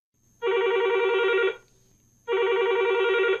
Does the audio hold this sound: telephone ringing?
yes